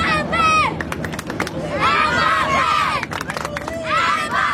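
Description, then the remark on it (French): A large stadium crowd of supporters in the United States roars and cheers loudly and continuously as captain Kylian Mbappé gestures toward the stand, with high-pitched screams and shrill shouts rising in waves above the dense wall of noise. “Dès qu'il a adressé un geste vers la tribune, les supporters sont devenus totalement fous.”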